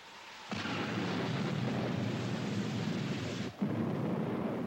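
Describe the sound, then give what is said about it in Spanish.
A thunderstorm with a long, loud roll of thunder that starts abruptly and rumbles on steadily, briefly easing before surging again. No one speaks. “Dije que esta tormenta me ayudaría.”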